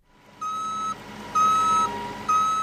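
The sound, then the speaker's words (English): A cargo truck being loaded with soybeans sounds its reverse alarm: three steady, evenly spaced beeps over a low engine rumble and broad mechanical noise, moderately loud, with no voices. “65-year-old Larry Bergen is loading soybeans into a cargo truck.”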